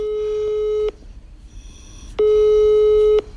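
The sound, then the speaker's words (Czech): A phone line's ringback tone: two steady, fairly loud one-second beeps separated by a short pause of quiet line hiss, with no one speaking. “No a proto mu teď hned zavolám.”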